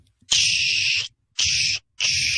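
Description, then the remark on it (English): A voice imitates an 18-wheeler's air brakes hissing: three loud, sharp bursts of breathy hiss, the first long and the next two shorter, separated by brief pauses. “like an 18-wheeler's brakes firing.”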